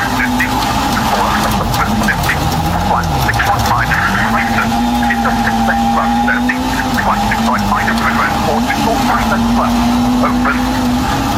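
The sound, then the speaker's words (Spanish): A rally car engine drones loudly and continuously, its pitch dipping and climbing as the revs shift, like a vehicle working hard as it arrives at the finish of a rally stage, on a sunny afternoon in the Biobío region. “Este es el auto de Oliver Solfer que está llegando a la meta”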